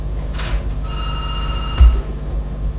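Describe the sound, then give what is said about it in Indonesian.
A WhatsApp call ringtone plays as a steady electronic tone with a couple of sustained pitched lines, over a low constant hum, with a brief thump partway through and no talking. “Ini telepon WA-nya lagi.”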